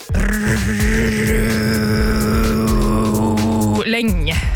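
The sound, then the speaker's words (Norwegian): Drone metal plays loudly: a heavy, distorted low note held steady and buzzing for almost four seconds, then a brief lurching shift in the tone just before it cuts off. “Det egentlig helt for jævlig musikk, rent objektivt sett. Såkalt dronemetall.”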